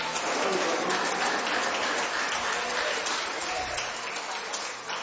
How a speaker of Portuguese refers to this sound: Palmas, louve o nome do Senhor.